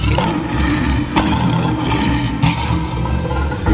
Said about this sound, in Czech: Doslova majestátní, takže kdo to byl? Přesně, a byl to lev indický.